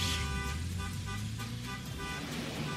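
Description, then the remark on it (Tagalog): Car horns honk repeatedly over a steady roar of road traffic, several short blasts overlapping in a busy street scene. “Traffic na ba ang atong kadalanan?”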